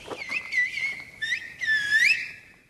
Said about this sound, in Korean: 라 고메라 전역에서 쓰이는 휘파람 언어, 실보 고메로입니다.